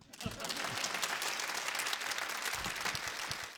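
An audience applauds a kodan storyteller's recitation, clapping steadily in a dense, even wash that holds at the same loudness for the whole few seconds, with no voices standing out.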